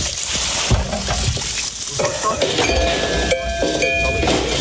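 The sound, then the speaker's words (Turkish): A traditional water-powered bear repeller, locally called 'Aysavar', guarding blueberry gardens, strikes tin cans at intervals: loud metallic clanks and ringing tones over a steady rush of flowing water, with no voices. “Suyla çalışan bu düzenek belirli aralıklarla tenekelere çarparak yüksek ses çıkarıyor.”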